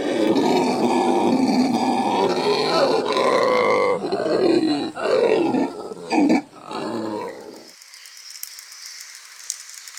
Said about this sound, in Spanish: Desde las alturas del dosel, los monos aulladores hacen honor a su nombre con un estruendo que resuena a través de la selva. Su llamado, uno de los sonidos más poderosos en la naturaleza, puede escucharse a una distancia considerable.